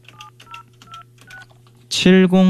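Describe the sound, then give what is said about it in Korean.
A quick series of four or five telephone keypad tones, each a short paired beep, over a steady low hum, as a call is dialed on a telephone handset, followed by a loud burst of voice speaking. “자, 다른 분한테 전화하고 있었는데 제 수화기를 들고 네. 한번 전화 한번 해 볼게요.”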